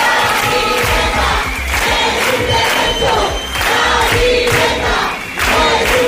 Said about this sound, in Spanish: Cientos de personas al grito que están escuchando de la vivienda no es un negocio. Se concentraban este pasado sábado a las puertas de la subdelegación del gobierno en Huelva para exigir medidas que puedan garantizar el acceso a la